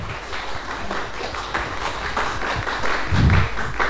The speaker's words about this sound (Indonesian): Tapi sebelum saya melanjutkan ke narasumber kita, boleh diberikan tepuk tangan sekali lagi.